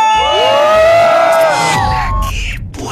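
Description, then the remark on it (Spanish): A loud crowd at Camichín roars with rising shouts and cheers, many voices whooping together in a sustained burst that tapers off after a couple of seconds. “aquí en todo lo más del Camichín se grita muy fuerte, aquí suena. ¡La Qué Buena! 97.1. ¡Y venga ese grito!”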